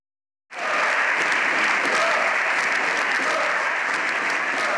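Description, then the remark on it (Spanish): Loud, sustained applause in a parliamentary chamber at the end of a plenary session bursts in after a brief silence and continues steadily: the socialist bench applauds while the opposition shouts for the president's resignation, indistinct raised voices mixed into the clapping. “La bancada socialista aplaudiendo la de la oposición, pidiendo a gritos la dimisión del presidente.”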